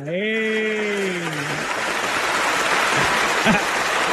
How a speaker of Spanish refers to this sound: Reina, un aplauso para reina.